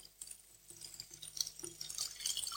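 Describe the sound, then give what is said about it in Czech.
Water running through an empty pipe during a demonstration, a quiet, steady trickle with light splashing and scattered drip-like plinks, with no voices. “Mám zde trubku. Za normálních okolností tato trubka propustí vodu.”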